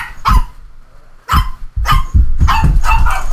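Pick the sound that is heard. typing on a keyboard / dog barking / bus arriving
dog barking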